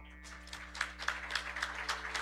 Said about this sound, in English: Give yourselves a round of applause, please.